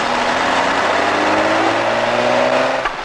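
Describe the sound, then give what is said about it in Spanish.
A car engine roars, its pitch climbing steadily as it revs and passes, with a loud wash of road noise throughout and no voices. “Ha venido otro coche.”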